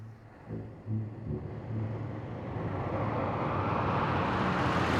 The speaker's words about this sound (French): Heureusement, après quelques minutes, une grosse voiture décapotable s'arrête à leur hauteur. « C'est une Cadillac !» dit Hector, tout excité.